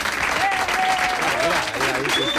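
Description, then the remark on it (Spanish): A small group of studio hosts claps steadily, with a couple of sharp, sustained whistles cutting through the dense patter of hands, making the applause themselves in place of an audience. “Oye, si los aplausos no llegan, no pasa nada, ¿eh? Los hacemos nosotros.”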